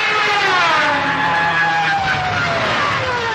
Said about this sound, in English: These are the siren screams of Stukas, dive bombing German airplanes from World War II.